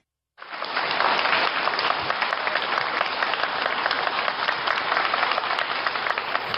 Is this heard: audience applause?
yes